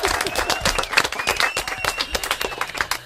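An audience breaks into loud, sustained applause, a dense steady patter of many hands clapping that continues for the full few seconds, with a few voices and faint whistles mixed into the crowd noise.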